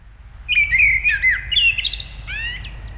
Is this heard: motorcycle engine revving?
no